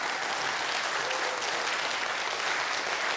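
A crowd applauds musicians after their music performance, a dense, even wash of many hands clapping at a constant loudness for the whole few seconds, with no voices standing out.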